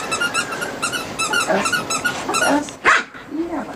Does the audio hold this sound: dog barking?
yes